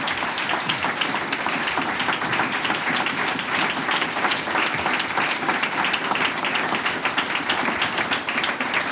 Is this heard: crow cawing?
no